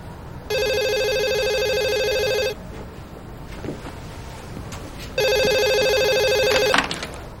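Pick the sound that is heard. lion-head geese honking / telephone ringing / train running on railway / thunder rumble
telephone ringing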